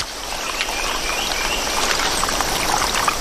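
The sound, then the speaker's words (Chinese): Steady, full rush of a swollen rainforest stream, its water level rising after heavy rain, churning and splashing continuously with a dense hiss and no pauses, and no voices. “随着雨林各处溪流水位上涨，一种小动物的世界开始焕发活力。”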